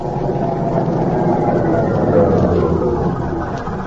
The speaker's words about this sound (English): their car stops outside the military prison the following afternoon.